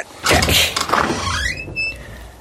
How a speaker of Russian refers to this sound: Он приказал ломать двери. Городовой воткнул ножны шашки в дверную щель и нажал.